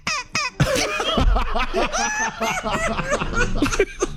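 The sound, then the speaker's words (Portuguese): A strange, squeaky cough: two sharp bursts, then a run of high, whistling, wheezy sounds rising and falling in pitch, fairly loud, with a laughing quality throughout. “E agora eu... tosse esquisita.”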